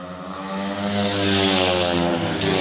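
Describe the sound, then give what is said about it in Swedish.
Loud, continuous engine roar of speedway motorcycles racing on the third lap of a heat in a Småland derby speedway meeting in Gislaved, Sweden, a dense buzzing drone with steady harmonic whine that swells slightly as the bikes pass, with no voices over it. “Jämn kamp i Smålandsderbyt in på tredje varvet.”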